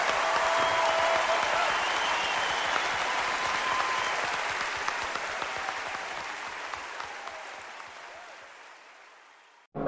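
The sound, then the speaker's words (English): Sustained applause from a large audience, dense overlapping clapping that holds steady and then gradually fades out toward the end. “Ladies and gentlemen, a big round of applause”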